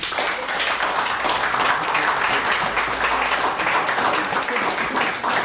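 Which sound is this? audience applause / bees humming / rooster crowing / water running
audience applause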